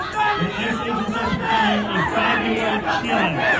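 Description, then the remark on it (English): A crowd on a street chants and shouts together at Mamdani in a steady, rhythmic cadence, chanting 'Mamdani was complicit', loud and continuous with overlapping calls throughout. “They're chanting, Mamdani was complicit.”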